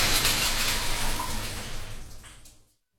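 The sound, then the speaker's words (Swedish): Steady shower water pours with a broad hissing spray for a few seconds, then fades and stops abruptly into silence. No one speaks. “Jag lämnar nu duschen för att prata om en sak som bekymrar mig.”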